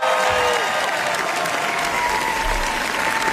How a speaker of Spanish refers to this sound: Y estos son aplausos que, bueno, pues ya sea para nuestra corresponsal, pero no, son para Pedro Almodóvar en el Festival de Cannes. Le gustó mucho al público asistente, críticos, etcétera, Amarga Navidad. Se proyectó en la Croisette